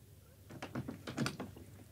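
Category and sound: household object, door opening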